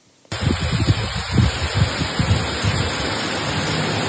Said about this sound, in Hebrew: אז הגשם עליו הוא מדבר זה בעיקר כמה טיפות, אז במרכז באמת היו גשמים מקומיים, בצפון הם הורגשו הרבה יותר, בחרמיאל זה נשמע כך.